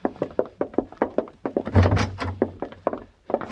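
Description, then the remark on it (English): A door shuts with a heavy, booming thud midway, set among a quick run of sharp, regular knocks or footsteps. Nobody speaks. “Wrong door. Get out of here.”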